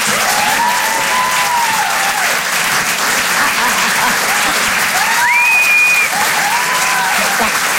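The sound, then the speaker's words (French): Steady audience applause at the Rire et Chanson Comedy Club, encouraging comedian Karine Dubernet, fills the whole stretch, a dense, even wash of clapping with a few scattered cheers and whistles rising above it. “Faites du bruit s'il vous plaît, merci d'encourager Karine Dubernet.”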